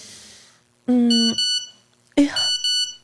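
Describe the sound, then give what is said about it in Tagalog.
A phone's text message alert sounds twice, each a quick, loud, bright run of electronic beeps, with a short quiet gap between them and faint background noise before. “Kinsa man nag-text?”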